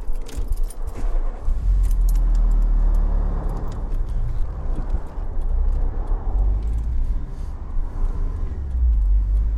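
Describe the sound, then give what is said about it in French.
Keys jingle as someone gets back into a car stopped beside a motorway after checking its wheels for a flat tyre. A steady low engine rumble then takes over and continues throughout as the car drives off. No one speaks. “Remonter dans la voiture.”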